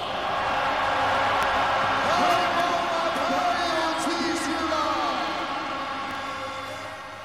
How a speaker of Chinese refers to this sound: 好的，现场的好朋友们，大战一触即发，这场比赛对我们主场至关重要，让我听到你们最疯狂的尖叫声。